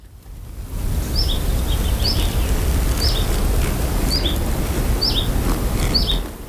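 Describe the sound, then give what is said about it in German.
Open outdoor ambience in the San Bernardino moorland with a steady low rumble, while a bird repeats a short, high double chirp roughly once a second, six times, fairly clear against the background. “Vögel und Insekten wie etwa Libellen finden hier genauso ihre ökologische Nische wie seltene Pflanzen.”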